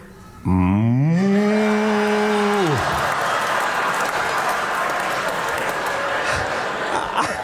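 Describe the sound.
A voice imitates a cow with one long, low moo that swells, holds steady for about two seconds, then drops off, followed by loud, sustained crowd applause and laughter.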